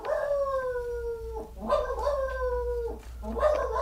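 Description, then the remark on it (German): A dog howls in long, drawn-out cries, three in quick succession, each sliding down at the end, loud over a steady low background hum. “Da bellt schon wieder Ernest.”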